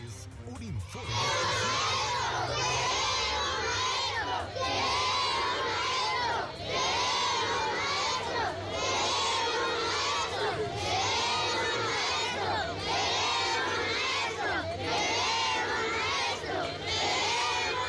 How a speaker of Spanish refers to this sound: Pero qué terrible, ¿qué está sucediendo? ¿Por qué queremos maestros? Están gritando los niños, mire. Escuchemos a ver el clamor.